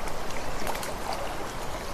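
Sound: river water flowing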